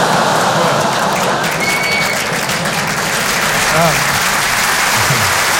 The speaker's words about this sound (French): Applaudir là-dessus, c'est génial.